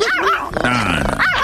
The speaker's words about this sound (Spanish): Ponle un perro de a de veras, ¿qué es eso? ¿Qué es eso? ¿Un chihuahua? Con madre el perro. Es un perrín.